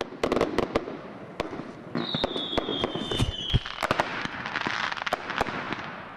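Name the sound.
fireworks exploding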